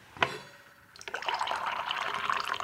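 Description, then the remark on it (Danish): A short clink, then a steady stream of coffee poured into a cup, fairly loud, with a bubbling, splashing texture that carries on without pause. No one speaks. “nu har du inviteret mig ind i din stue her, og tænker, nu hælder jeg lige lidt kaffe op.”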